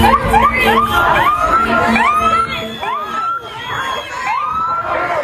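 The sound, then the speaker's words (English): A dense crowd of hundreds in the street in Biddeford, blocking traffic in the middle of the day right after a shooting, yells and screams continuously, many overlapping voices rising in sharp wails and shouts, loud, with a steady roar of noise underneath throughout. “Blocking traffic, yelling, screaming.”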